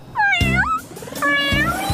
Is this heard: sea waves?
no